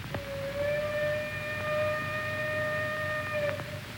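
A train waiting in a station before leaving sounds its whistle in one long, steady blast for over three seconds, a bright, sustained tone with a rich harmonic edge, over a low rumbling background. No one speaks.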